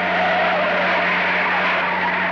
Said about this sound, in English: The truck turned and pulled up in front of a huge abandoned warehouse.